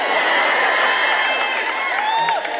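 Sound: crowd clapping and cheering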